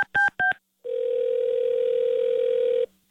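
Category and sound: signal or alarm, telephone call tone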